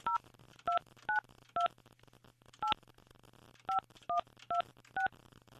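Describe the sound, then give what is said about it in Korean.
A rapid series of telephone keypad tones as a Far East Broadcasting radio host dials a listener's mother-in-law, about ten short dual-tone beeps in quick irregular bursts, clear over a faint steady hum, with no talking. “그러면 제가, 이 시어머니, 제가 지금 전화번호가 있으니까, 시어머니, 한번 제가 전화 한번 해볼게요.”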